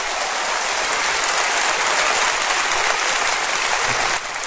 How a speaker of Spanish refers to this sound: Oh, si le va a aplaudir, hágalo bien. Aleluya.